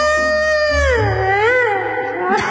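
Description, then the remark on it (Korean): A person imitates a wolf howl: one long, sustained wavering cry that rises and dips in pitch, loud, with no talking around it. “그러더니 이번엔 어머나 늑대로 만들어 버렸어.”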